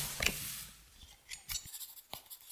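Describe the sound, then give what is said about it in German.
A pen scratches across paper in a few short, quick strokes, soft hissing scrapes with brief pauses between them, faint and with no voices, as an investigator's assistant writes down notes at a crime scene. “schreiben Sie mit.”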